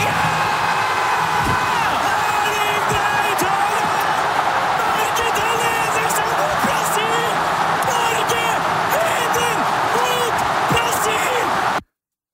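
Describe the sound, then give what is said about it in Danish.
A crowd of many thousands of Norwegians, watching the match against Brazil on a big screen at Ullevaal Stadion in Oslo, roars and cheers euphorically at a Norway goal. It is a loud, continuous wall of noise with excited shouting voices rising above it for the whole stretch before it cuts off abruptly. “Det udløste eufori hos både norske fodboldkommentatorer på NRK og de mange tusinde nordmænd, der fulgte kampen på storskærm på Ullevaal Stadion i Oslo.”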